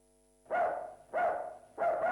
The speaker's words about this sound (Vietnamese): Trưa hôm sau, chị Tám đang dọn dẹp nhà cửa thì nghe tiếng chó sủa.